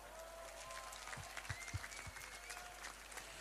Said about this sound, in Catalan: I demano per la Junta, fem un gran aplaudiment.